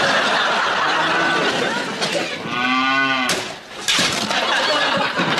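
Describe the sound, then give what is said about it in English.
A single drawn-out cow moo sounds loud over a steady, noisy background, followed by a couple of sharp knocks. “That's the wife, silly cow.”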